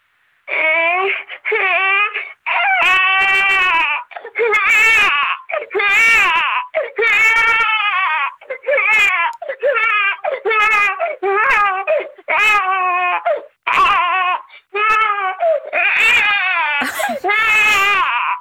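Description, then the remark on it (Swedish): A voice imitates a crying baby: loud, high-pitched wailing in a long series of sobbing bursts with brief catches of breath between them, continuing throughout. “Alltså, moderskänslorna i mig vaknar ju till liv. Man vill ju bara gå och lyfta upp den där bebisen.”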